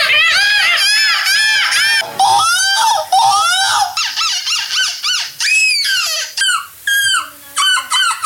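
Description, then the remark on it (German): Several people screech and squawk in loud, overlapping gull-like cries, imitating seagulls at a seagull imitation championship in Belgium; the shrill, wavering calls rise and fall in rapid bursts, then break into shorter, choppier yelps toward the end. “Aktuell findet in Belgien die Möwen-Imitationsmeisterschaft statt. Das klingt dann ungefähr so.”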